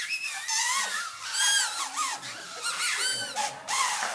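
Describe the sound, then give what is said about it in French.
Several homemade paper whistles shrill at once, their reedy tones wavering and sliding in pitch as they overlap in a continuous, buzzy chorus for a few seconds, with no talking. “Et nous avons réalisé un premier bruiteur qu'on appelle le sifflet. Puis-je entendre un sifflet pour ceux qui ont reçu leur sifflet?”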